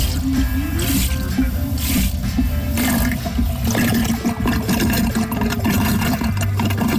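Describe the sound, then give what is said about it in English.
A continuous gurgling, sloshing rush of water as a pump sucks a 5-gallon bucket dry in about 30 seconds, about 10 gallons a minute, steady and fairly loud for the whole stretch, with bubbly slurping and a low mechanical rumble underneath. “You can see it takes about, this is a 5 gallon bucket, and it takes about 30 seconds for the thing to draw down the 5 gallons.”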